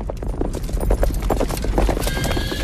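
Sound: horse hooves clip-clopping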